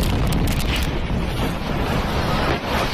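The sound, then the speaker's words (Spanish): A massive explosion at a military barracks in Viacha, in a sector of the base used for training and weapons repair, roars continuously, a loud, dense rumbling blast filling the whole clip without pause, with no voices over it. “Este era el momento de la explosión, cuyas causas todavía se desconocen.”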